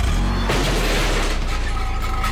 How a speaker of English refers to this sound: The sound of a car backing into a garbage can. The sun was in my eyes. And now, the green waste. I was reaching for my sunglasses.